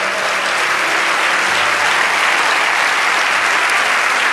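Loud, sustained applause from a large audience, a dense continuous wash of clapping lasting several seconds with no voices standing out.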